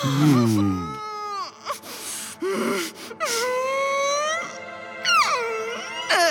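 Loud crying in several drawn-out wailing bursts, the pitch swooping up and down between short gasping pauses, with no other sounds around it.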